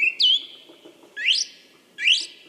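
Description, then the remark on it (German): A song thrush sings three bright, separate phrases: a sustained whistle followed by two quick rising, warbling sweeps, clear, with no voices. “der Singdrossel ein DJ-Gedächtnis. Denn in ihrem Leben lernt Letztere mehr als 100 Lieder und kann andere Vögel genauso wie ein Telefonklingeln imitieren.”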